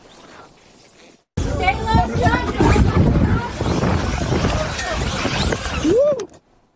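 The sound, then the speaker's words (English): Loud, chaotic crowd commotion as 224 passengers and 7 crew evacuate an aircraft bound for Los Angeles after an engine fire and smoke in the cabin, with many overlapping voices and shouts erupting abruptly after a quiet moment, ending with a single rising cry before cutting off. “There were 224 passengers and 7 crew members on that flight that was headed to Los Angeles, one passenger showing what it was like to evacuate the aircraft.”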